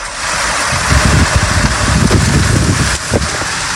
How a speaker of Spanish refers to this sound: Así caía el granizo en la zona de Lardal, en Mula, Murcia.